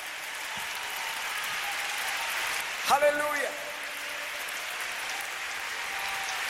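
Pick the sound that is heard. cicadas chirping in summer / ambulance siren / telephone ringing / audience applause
audience applause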